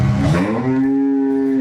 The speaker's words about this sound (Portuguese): É, esse buzinar, essa buzina aí é já é bem conhecida do Caipirão já.